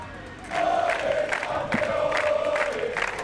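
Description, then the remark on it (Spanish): A large crowd of football fans cheers and chants together, shouting "campeones" as they receive the players at the Zarzuela, a sustained roar with rising shouted calls repeating in a rough rhythm, loud and continuous throughout. “Al grito de campeones han recibido a los jugadores en la zarzuela.”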